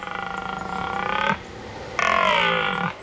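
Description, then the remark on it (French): A red deer stag (Cervus elaphus) bellows twice at night in a forest, loud drawn-out calls with a short gap between; the first is rough and pulsing, the second steadier and slightly shorter. No voices. “J'y suis, c'est le cerf élaf. Le cervus élaphus en latin.”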